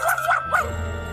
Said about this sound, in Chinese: 坏狗狗，欧弟走开，你这个超级坏狗狗。